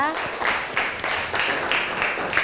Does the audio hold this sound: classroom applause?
yes